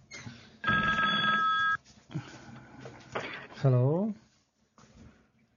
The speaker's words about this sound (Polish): O, to oznacza chyba telefon.